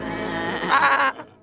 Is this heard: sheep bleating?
yes